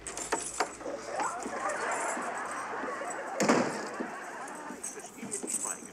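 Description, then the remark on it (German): A bunch of keys jingles and rattles, with irregular metallic clinks throughout and a sharper shake partway through, over faint background noise. “Ich hab noch meine Schlüssel.”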